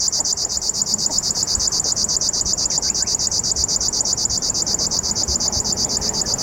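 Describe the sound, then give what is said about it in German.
A common grasshopper warbler (Feldschwirl) gives a continuous, high, mechanical churring trill, fast and even like a sewing machine, running unbroken for several seconds over faint background hiss. “bisschen so ein Nähmaschinengeräusch hat.”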